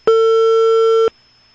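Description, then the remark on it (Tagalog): A telephone ringing tone heard on a call to a barangay hall: one steady, electronic buzzy tone lasting about a second, fairly loud and clean, then cutting off abruptly into silence. No one speaks. “Nagbagting ang telepono sa barangay hall.”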